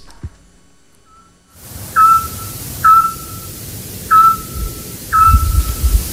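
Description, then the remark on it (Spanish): A scops owl gives four short, mellow whistled hoots at night, around 10 p.m., in the town centre of Peñaranda de Duero, Spain, at a steady, unhurried pace, fairly clear against a soft background hiss and low rumble, with no one speaking. “Hombre, el autillo.”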